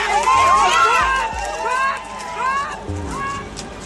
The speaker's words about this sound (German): Die Demonstranten sind emotional und wütend. Und dann hebt jemand den Zaun an einer Seite aus der Verankerung. Sie schieben ihn beiseite, drängen durch die Lücke auf den Feldweg und rennen los.